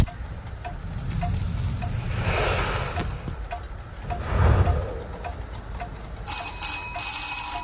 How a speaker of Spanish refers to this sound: Alguien hizo sonar el timbre.